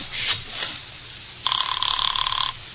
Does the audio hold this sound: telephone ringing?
yes